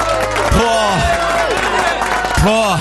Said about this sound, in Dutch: Maar even een applaus voor alle moeders, man.